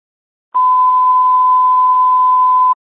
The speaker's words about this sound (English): We were toned out. We're getting en route, but none of the audio we could understand. Copy that. We'll drop them again. Because the tones went off, we just couldn't understand the voice.